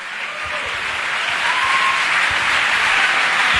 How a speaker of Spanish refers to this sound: Si va a aplaudir, hágalo bien.